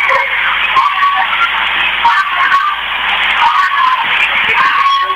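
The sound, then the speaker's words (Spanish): A crowd of people shouting and yelling continuously in Totoracocha, with three gunshots among the shouts; a loud, dense, harsh wash of voices with a thin, tinny, recorded quality and no clear pauses. “Gritos, más gritos y disparos.”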